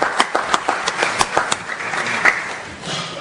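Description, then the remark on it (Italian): An audience applauds steadily to welcome a speaker being given the floor, with many overlapping hand claps forming a dense, crackling wash and a few sharper individual claps standing out, fading slightly toward the end. “che accogliamo un applauso, che ringrazio.”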